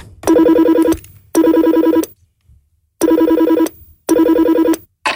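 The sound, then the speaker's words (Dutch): An old-style telephone rings in loud bursts of metallic bell trilling, four rings in a steady rhythm with short silences between, and no voices. “Je mag de telefoon, het is een oude telefoon. Je tikt het nummer van destijds in. Ja. En dan ga je gewoon bellen naar jezelf.”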